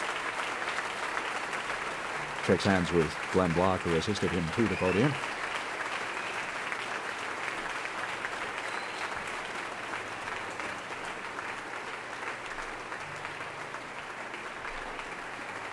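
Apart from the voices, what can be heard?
audience and orchestra applauding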